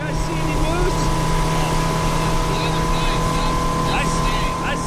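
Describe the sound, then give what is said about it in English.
A motorboat engine drones loudly and continuously, with a low rumble and a constant hum, as the boat is piloted along the choppy Kenai River in Alaska to a fishing spot on a salmon fishing trip, while a voice speaks faintly underneath the engine noise. “is piloting his boat along the choppy Kenai River to his favorite fishing spot.”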